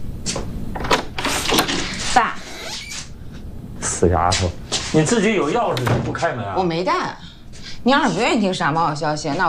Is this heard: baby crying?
no